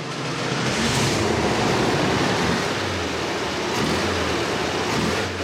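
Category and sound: vehicle, car engine running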